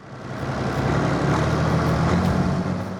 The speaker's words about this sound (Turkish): Tamam, bu kolla onu kaldırıyorsun. Arkana bak. Neden geri giden bir kar püskürtücümüz var? Ama elimizdeki bu.